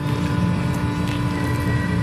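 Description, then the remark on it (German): An 800 hp Mercedes-Benz electric truck, its tractor unit pulling a short living container, is driven slowly onto the stage at the IAA commercial vehicle show in Hannover. It gives off a steady, fairly loud low rumble and hum with a faint whine above it, continuous throughout, with no talking. “So klingt es, wenn Tobias Wagner seinen 800 PS Lkw auf die Bühne der IAA bewegt”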